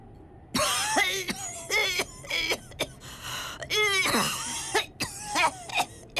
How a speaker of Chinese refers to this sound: 咳嗽好些日子了，走不见好